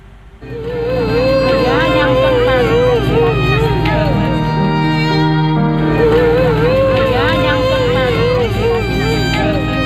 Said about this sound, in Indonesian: Tangisan histeris wanita Parubaya ini menyambut kedatangan kapal tim SAR di Dermaga Marina Carita Pandeglang, Banten, Rabu sore.